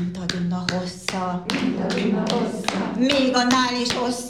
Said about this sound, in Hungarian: És ebben a tapsikolásban időközönként már a gyerekek is bekapcsolódnak. Pedig ez az anyukáké.